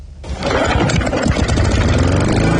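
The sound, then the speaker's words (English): A small petrol lawn mower engine kicks into life after a brief low start, then settles into a steady, loud idle with a rough mechanical chug throughout. “It's getting to that time of year where you have to start mowing the lawns once a week, but on this show we do it once a day.”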